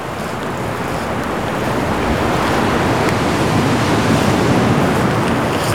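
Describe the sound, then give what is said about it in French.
Strong, steady gusts of wind roar at a very windy pebble beach by the sea, mixed with a continuous wash of surf, loud throughout with no voices. “Des rafales de vent.”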